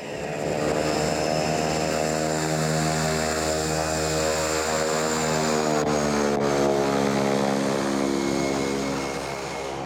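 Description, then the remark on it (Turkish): A propeller aircraft engine runs steadily and loudly, its harmonic drone holding a constant pitch with a faint shift in tone, as the plane idles or taxis on the ground while being directed by a ground marshaller. “uçaklara yön gösterme işinin nüanslarını kızına öğrettikten sonra operasyonları kontrol etmek için telefonların başına dönüyor.”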